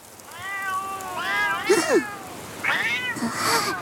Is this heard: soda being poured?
no